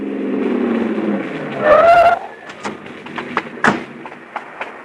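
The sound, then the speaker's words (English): A car engine rumbles, then tires give a brief squeal as the car turns into a parking lot and stops, followed by a scatter of sharp thumps and clicks. “He's pulling into that parking lot.”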